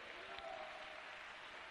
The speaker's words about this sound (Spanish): Dale un aplauso al Rey con toda tu alma y con todo tu corazón.